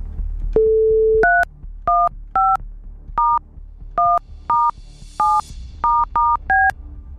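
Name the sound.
telephone number being dialed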